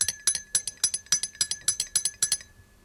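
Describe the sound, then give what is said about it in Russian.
Glass jars tapped in a quick, steady rhythm, each strike giving a bright, high ringing tone, with the notes shifting slightly in pitch across about a dozen hits; no voices. Music is being played on glass medicine vials. “А на склянках? Смотри, как здорово получается.”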